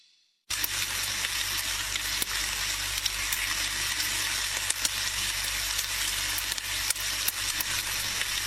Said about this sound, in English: Ooh, don't you love the sizzle of some sausages cooking?